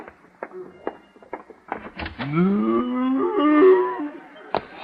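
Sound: cow mooing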